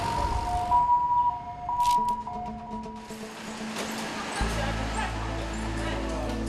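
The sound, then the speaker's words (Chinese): An emergency vehicle siren wails in steady, alternating tones for a few seconds, then fades beneath a low, continuous engine-like rumble and muffled background noise, as an elderly man is brought to the emergency room of Tzu Chi Hospital. “鸣笛声打破了宁静，”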